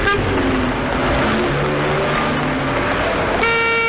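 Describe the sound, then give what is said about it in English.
A loud, steady roar of busy road traffic with engines rushing by, and a sharp car horn blaring near the end. No one speaks. “No rest from danger, though, because all around us is that deadly daily danger, traffic.”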